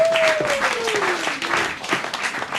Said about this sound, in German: Und deshalb begrüßen Sie heute mit uns mit einem tobenden Applaus als Vertreter von Shell, ExxonMobil, BP, Total